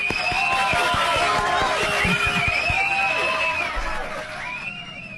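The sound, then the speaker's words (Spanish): Audience applause mixed with crowd noise and a few whoops and cheers, welcoming a doctor as a guest on the program Dosis de Confianza, holding steady for about four seconds before thinning out toward the end. “Lo recibimos con el mayor cariño y admiración y, por supuesto, con un gran aplauso.”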